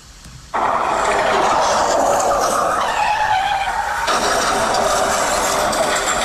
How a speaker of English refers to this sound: She has a little sound effect. A little sound effect thing there. Oh, sorry. Hello, I just had a car crash.